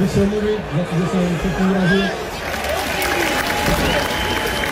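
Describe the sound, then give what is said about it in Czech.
A large stadium crowd of Sparta fans applauds in a steady, dense wash of clapping, with voices chanting and shouting through it, loud and sustained, as footballer Jurásek comes before the home supporters' stand after the match against Teplice. “Sklidil nakonec Jurásek od příznivců Sparty potlesk”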